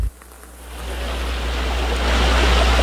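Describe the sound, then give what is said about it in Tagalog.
Floodwater from continuous rain rushes steadily across a newly planted rice field in Sitio Kinarasyawan, Barangay Malpalon, Kalintaan, a dense, continuous roar of flowing water that swells louder over a few seconds, with a low rumble beneath and no voices. “Nalubog din at inalod ng baha ang mga bagong tanim na palay sa isang sakahan sa Sitio Kinarasyawan sa Barangay Malpalon, Kalintaan, dulot ng tuloy-tuloy na buhos ng ulan.”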